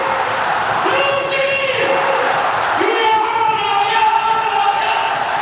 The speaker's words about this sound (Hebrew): טוב, אתם שומעים את הטירוף הזה. כן, אתם שומעים את הקהל של ביתר ירושלים.